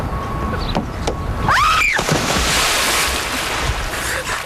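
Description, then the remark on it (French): A sudden, loud splash as a person jumps into water, followed by a few seconds of churning, hissing water noise. A brief rising squeak sounds at the moment of entry, with no voices. “Faire une première émission, c'est un peu comme se jeter à l'eau. Et là, je vais vous faire une démonstration.”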